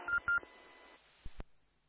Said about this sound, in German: So, jetzt klingelt mein Telefon, da muss ich mal ganz kurz dran gehen.